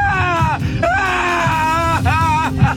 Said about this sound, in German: Klar, zum Beispiel die Odyssee von Christopher Nolan. 3 Stunden griechische Mythologie. Da gibt es diese Szene, in der Odysseus, gespielt von Matt Damon, beim Sirenengesang schreien muss.